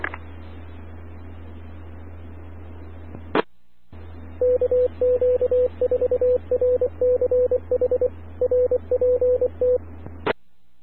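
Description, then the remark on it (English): A rapid string of touch-tone telephone dialing beeps, each tone short and steady, carried over a hissing radio channel with a low hum and squelch clicks at the start and end. “I was doing a phone call.”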